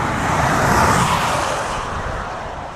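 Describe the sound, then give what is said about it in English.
Several cars of Group B are sent onto a race track at a car makers' exhibition, roaring past with a loud, steady engine rush that fades slightly toward the end; no one speaks. “Right now, we're going to send the Group B onto the track.”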